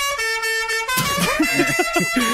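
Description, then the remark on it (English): One steady car horn toot holds a bright, buzzing tone for nearly a second, then cuts off as people start talking. “That's probably a fraction too long on the toot.”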